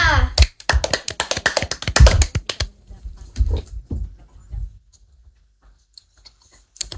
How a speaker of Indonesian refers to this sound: Teman-teman, mana nih tepuk tangannya?